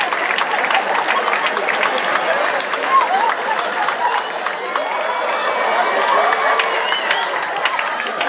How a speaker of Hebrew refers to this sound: איפה כפיים